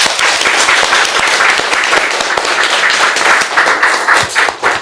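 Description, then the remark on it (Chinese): Sustained applause from an audience, dense overlapping claps at a steady loud level for the whole stretch, with no one speaking over it. The audience is applauding to thank a firefighter during a fire safety education session for middle school students. “那么也非常感谢我们的消防员，大家为他鼓掌，好吧？”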